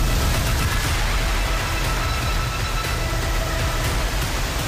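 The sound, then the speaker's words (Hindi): The Shipra river at Kainchi Dham in Nainital district, swollen by continuous rain, rushes past in a loud, unbroken roar, a dense wash of churning noise that holds steady throughout with no voices. “यहाँ लगातार बारिश के चलते नदी का जलस्तर तेजी से बढ़ा है और शिप्रा का रौद्र रूप दिखाई दे रहा है।”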